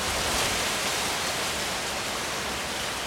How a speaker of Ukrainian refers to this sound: Одного дня налетів сильний вітер.